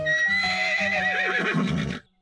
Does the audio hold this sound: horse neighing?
yes